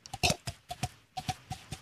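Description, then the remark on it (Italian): A person imitates horse hooves clip-clopping with quick tongue clicks, landing in a steady galloping rhythm of paired beats, fairly crisp, with no talking. “Il cavallo.”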